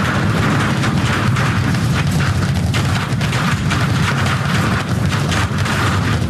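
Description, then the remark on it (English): Rocket engines roar in a continuous, thunderous rumble, thick with harsh crackling and popping bursts that stay loud and steady throughout, with no voices: all 33 Raptor engines lit on a Super Heavy booster seconds into launch, arcing away from Starbase. “Seconds into flight, 33 out of 33 Raptor engines lit on the Super Heavy booster arcing away from us here at Starbase.”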